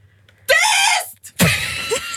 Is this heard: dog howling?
no